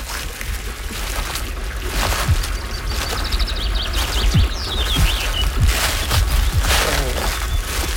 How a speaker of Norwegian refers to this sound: Deilig lyd til å gå I kratt og lyng og fuglekvitter.